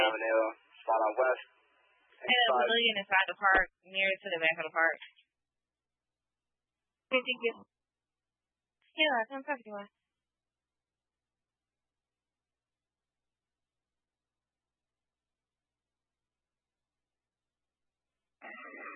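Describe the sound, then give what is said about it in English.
Garbled, unintelligible voice bursts from a fire engine unit come through a narrow, tinny emergency dispatch radio channel in several short choppy transmissions, separated by long stretches of silence, with one last fragment cutting in at the end. “Engine 1, I'm sorry, you aren't readable. Repeat your message.”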